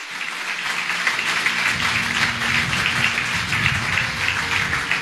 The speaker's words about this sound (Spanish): Denle un fuerte aplauso al Señor, aleluya.